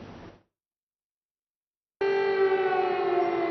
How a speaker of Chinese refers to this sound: 俄罗斯国家杜马选举投票在19日进入到了第二天，部分地区持续响起了防空警报。